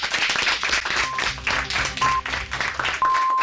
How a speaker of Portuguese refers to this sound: Igual que empezasteis con un aplauso, vamos a cerrar con un aplauso para recibir las noticias de la 1:00 p.m.